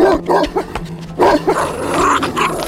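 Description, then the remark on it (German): A bull terrier barks and snarls aggressively, a quick run of sharp, rough barks giving way to sustained frenzied growling as it chases a man and bites into his leg. No one speaks. “Doch der Hund holte rasch auf und biss sich in seinem Bein fest.”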